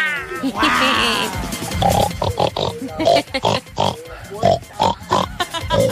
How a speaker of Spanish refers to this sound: Esa era una tortuga. Muy bien. Oye, una tortuga, pero a mí me gusta la otra tortuga.